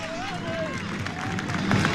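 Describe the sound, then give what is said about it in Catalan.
A large football crowd applauds and cheers as the players of Atlético Barrio de la Luz and Massanassa come onto the pitch: a steady wash of clapping and roaring voices with a few whistles rising above it, swelling slightly louder toward the end. “Estan en un cantó, escolteu el so de la música i mira, escolteu ara mateix els jugadors comencen al terreny de xoc en aplaudiments de la seva afició.”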